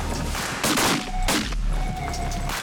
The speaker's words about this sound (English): God, I shot both of them.